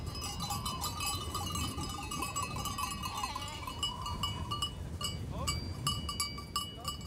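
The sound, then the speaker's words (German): Many metal bells clank and jingle continuously as a herd of goats arrives during a livestock drive up to pasture, with scattered bleats mixed into the steady, busy ringing. “ist inzwischen mit seiner Ziegenherde eingetroffen.”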